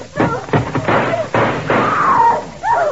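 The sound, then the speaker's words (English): Several loud gunshots burst out in quick, uneven succession as police shoot a man, each a sharp crack with a rough trailing decay, then a man's voice shouts briefly near the end. “You crazy? Shooting a guy.”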